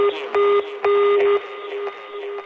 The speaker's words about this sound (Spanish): Buzón de voz. La llamada se cobrará al terminar los tonos siguientes.